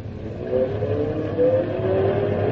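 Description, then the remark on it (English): A car engine revs up and accelerates, its pitch climbing steadily over a couple of seconds, loud with a constant throaty rumble and no voices. “The car's working better now.”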